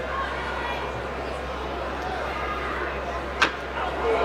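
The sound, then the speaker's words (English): A ballpark crowd lets out a low, sustained groan after batter Kim fouls a ball off himself, a steady wash of murmuring voices broken by one brief sharp knock, then swelling slightly louder at the end. “You heard the groan of the crowd.”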